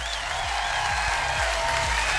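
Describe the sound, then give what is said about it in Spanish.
A steady burst of applause on a radio show, given for a listener's message: dense and continuous clapping at a fairly loud level for a couple of seconds, with no voices over it. “Aplauso para ese mensaje, por favor.”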